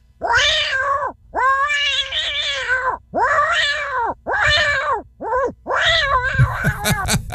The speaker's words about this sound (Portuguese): esse gatinho aí, Mulato? Manda um alô pra nós aí. Tá mandando. E o gato?